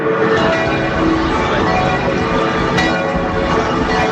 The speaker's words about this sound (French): Les cloches de la cathédrale de Metz qui sonnent en l'honneur de Léon XIV